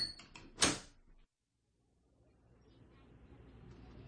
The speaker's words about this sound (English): It's the endless laughter of a backyard barbecue and a teacher who holds open the classroom door and welcomes you inside.